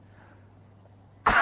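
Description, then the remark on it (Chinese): After a quiet stretch with a low steady hum, a single sudden, forceful throat-clearing cough, made from the dantian at a doctor's request, bursts out loud at the very end. “痰嗽一声”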